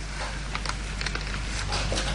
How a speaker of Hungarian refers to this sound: Hallod? Elerett az eső.